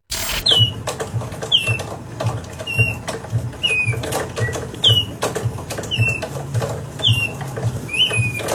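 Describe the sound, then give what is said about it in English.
A hand-cranked mechanical bird, a wall-hung art piece, gives about eight evenly spaced, squeaky descending chirps, roughly one per second, over a steady clattering, whirring rattle from its crank mechanism, fairly loud. “So it's this $15,000 piece of art that you hang on the wall. You turn a handle and then the bird makes bird noises.”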